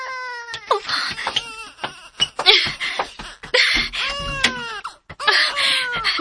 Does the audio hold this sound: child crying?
yes